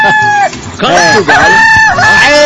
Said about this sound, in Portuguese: quero ouvir o canto do galo. O canto do galo!